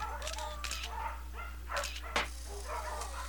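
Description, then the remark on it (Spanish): Dogs at the Segunda Oportunidad dog shelter bark and yip in short, scattered bursts mixed with high whimpers as they flee an arriving car, moderately quiet, over a steady low electrical hum. “De repente llegó un auto y al verlo, los perros huyeron.”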